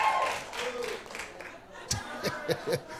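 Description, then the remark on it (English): A crowd murmurs and chuckles, then a few scattered, sharp handclaps ring out irregularly as the independent women in the audience are asked to clap, sparse rather than sustained applause. “Clap your hands if you're independent.”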